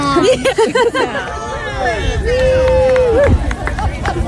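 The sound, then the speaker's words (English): A group of Cub Scouts yells and cheers together outdoors, encouraging runners passing the large animal research station at the crest of a hill, their high voices rising in excited bursts and a long sustained shout over steady crowd chatter and footsteps. “The Cub Scouts encourage runners passing the large animal research station at the crest of the hill.”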